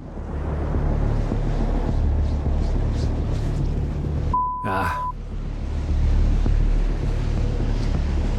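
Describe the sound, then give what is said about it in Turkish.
Strong wind roars steadily across the microphone on an exposed rocky shore where someone is fishing, a dense low rumble with gusts throughout and a brief sharp whistling sound about halfway through. “Rüzgar o kadar güçlü ve oltamı o kadar sert çekiyor ki yem suya hiç girmiyor.”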